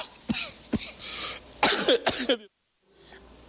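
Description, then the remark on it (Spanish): A series of harsh coughs in quick bursts, several sharp hacks followed by a longer rasping fit, then a sudden drop to near silence. “Maldita tos.”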